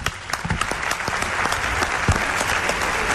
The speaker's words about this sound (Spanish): Así es. Un aplauso para él.